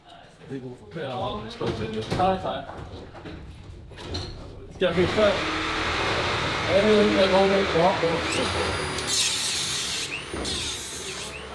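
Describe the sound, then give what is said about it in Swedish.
Workers tear down the wooden scaffolding that held up a train track inside an air-raid shelter, carrying plywood sheets, studs, planks and black garbage bags up the stairs to a container, with scraping, knocking and creaking building into a steady noisy clatter, a high squeal near the end, and voices talking in the background. “Nu river de träställningarna som burit upp banan.”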